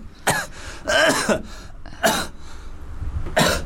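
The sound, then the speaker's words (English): A run of harsh coughs and throat clearing, about four separate bursts spaced irregularly over a few seconds, fairly loud, with no talking. “Cough it out and just cough out some Nelson Mandela.”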